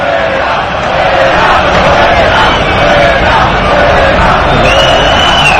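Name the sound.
football stadium crowd chanting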